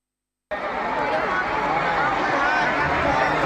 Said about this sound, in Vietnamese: Sân khấu rực sáng, những giai điệu trẻ trung hòa cùng tiếng reo hò của hàng chục nghìn khán giả. Quảng trường Nhân dân tỉnh Lai Châu trở thành điểm hẹn âm nhạc sôi động trong đêm nhạc hội